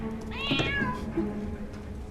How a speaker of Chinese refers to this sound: 哎呀，走开走开走开走开！人家的猫就爱吃鱼，我们家这猫就爱吃猪肉，还没个够。